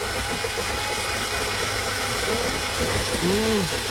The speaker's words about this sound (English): I slap these into my coffee machine and I go at it.